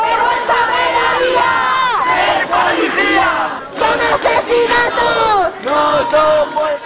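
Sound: protest crowd chanting slogans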